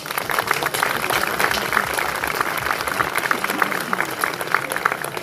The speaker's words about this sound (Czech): Takže i pro něj prosím potlesk.